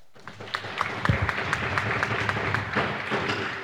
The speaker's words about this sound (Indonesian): Sekali lagi mari kita berikan tepuk tangan yang meriah untuk regu A, regu B, dan regu C.